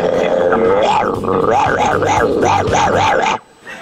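Dogs howl and yip loudly in a continuous, wavering chorus of rising and falling cries for about three seconds, then it cuts off abruptly into near silence.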